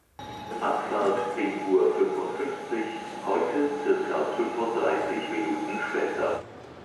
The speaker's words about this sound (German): Ein ganz normaler Tag am Hauptbahnhof Hannover.